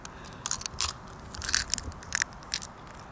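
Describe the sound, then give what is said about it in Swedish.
An egg cracks against a table edge, giving a series of brittle, crunchy crackles spread over a few seconds, fairly quiet, with no talking. “Nu tar jag knäcker emot bordskanten här. Oj, det var inte lika gött ljud.”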